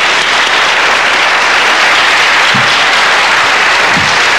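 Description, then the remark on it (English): A steady wash of audience applause welcoming a speaker to the stage, many hands clapping loudly and continuously with no pauses, a dense crackling roar holding at the same level throughout. “Please receive her with a round of applause.”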